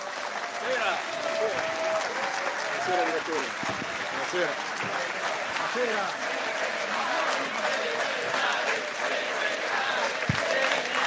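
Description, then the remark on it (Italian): Sustained audience applause at a festival welcoming Alessandro Sallusti and Roberto Vannacci, a dense, steady wash of clapping lasting the whole stretch, with murmuring voices and occasional cheers mixed in. “L'applauso tenetelo adesso, signore e signori, ladies and gentlemen, ecco Alessandro generale Sallusti.”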